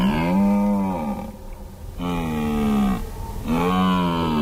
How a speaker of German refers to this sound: Es war ein Hirsch. Ein Hirsch, der so Brunftrufe macht.